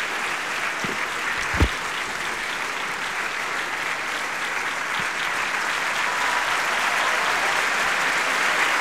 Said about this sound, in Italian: Ecco, sta entrando anche lui. Macbeth, Giorgio Gannizze. Gli applausi sono un po' più tiepidi, se vero, sicuramente rispetto a quelli che hanno accolto Jennifer Rowley.